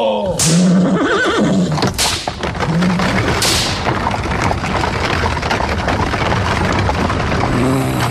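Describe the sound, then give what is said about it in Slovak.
Horses whinny loudly several times in the first few seconds as a coachman drives them on, over a steady rumbling clatter of a horse-drawn carriage getting underway that continues to the end. “Švihni kone, kočiš, nech sme čím skôr doma.”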